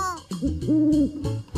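An owl hoots in a series of low, smooth calls, clear, with a rising and falling pitch over about a second and a half. No one speaks.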